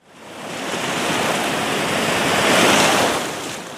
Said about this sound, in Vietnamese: Gió biển thổi vào hầm hập, mang theo cái nóng và vị mặn khô khốc đặc trưng của miền Duyên Hải.